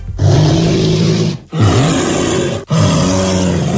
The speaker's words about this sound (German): Also wer mal in einer ähnlichen Lage sein sollte, ein Bär klingt so.